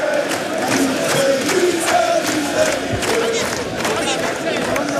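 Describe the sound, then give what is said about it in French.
Thousands of football supporters chant together in a stadium as players salute the crowd, a dense, steady roar of voices with rising melodic shouts and rhythmic bursts, loud throughout with no single voice standing out. “Des images incroyables avec des joueurs qui saluent évidemment la foule et les chants qui continuent évidemment d'être entonné par les milliers de supporters.”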